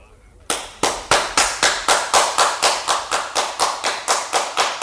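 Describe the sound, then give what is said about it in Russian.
A steady run of about fourteen sharp, crisp taps at a quick, even pace, loud and bright, sounding much like applause, heard inside a cave and coming from someone above. It starts abruptly after a brief quiet moment. “Это действительно похоже на аплодисменты.”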